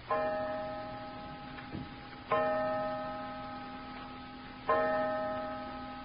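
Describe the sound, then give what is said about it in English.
A clock strikes five o'clock with deep, ringing chimes, three resonant strokes spaced about two seconds apart, each tone lingering and fading before the next, with no voices present. “Five o'clock.”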